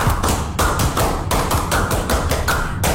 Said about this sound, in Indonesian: Sebelum kita tutup, kita tepuk pramuka lagi dong. Satu kali atau dua boleh? Dua kali pramuka.